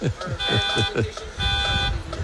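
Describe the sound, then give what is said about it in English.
A car alarm blares in loud, repeating bursts: two sustained horn-like tones alternating with rapid pulsing chirps, dominating the scene, with some voices faintly underneath. “Uh-oh, did you leave your car on?”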